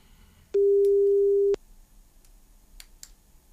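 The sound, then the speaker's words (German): A single steady telephone ringback tone sounds for about a second, loud and clear over a quiet line, as a Radio Paradiso presenter calls a listener, followed by faint clicks and line noise as the call waits to connect. “Und ich bin gespannt, ob ich, ja wahrscheinlich eine Sie am Telefon jetzt werde begrüßen können.”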